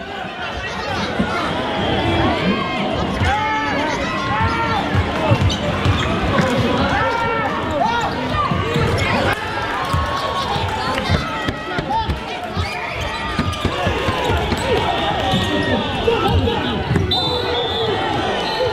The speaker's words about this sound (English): The whistle hasn't blown yet. It's the final minute of that David Goliath basketball game. Ashburton's behind by 13 points. The crowd is squeezed around the court lines.